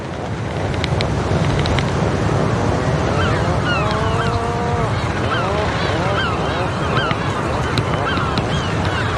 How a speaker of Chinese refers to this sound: 分别了一个冬天后，刚到的海鹰受到热情欢迎，他们相互用喙敲击，并发出咕哝声示好。